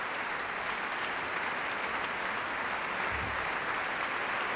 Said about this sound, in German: Applaus für den Schlagwerker Christoph.